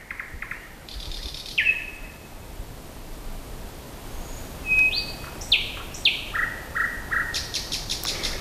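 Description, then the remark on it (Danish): A nightingale sings alone at night around Søndersø in a series of varied phrases: clear whistles, rising sweeps and rapid repeated notes, over a steady faint hiss of outdoor background noise. “Jo, Nattergalen. Jeg har selv lavet den her optagelse, og den kostede mig en del myggestik, og jeg var også nær faldet i en å, da jeg famlede rundt der i mørket rundt om Søndersø, men jeg ville bare have den her optagelse af herr Nattergal”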